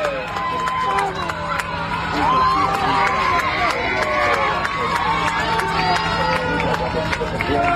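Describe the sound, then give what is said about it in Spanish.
A crowd cheers and shouts, celebrating Argentina after a World Cup final, with many voices overlapping loudly and continuously and scattered claps and whoops breaking through the steady roar. “Y ahí festejando a los argentinos a todo lo que da”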